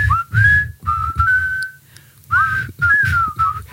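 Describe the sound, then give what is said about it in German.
A radio morning show team whistles a bright, lilting tune together in several short melodic phrases, fairly loud, with brief pauses between them and a soft low rumble underneath. “Und gleich pfeifen wir im Tag zu.”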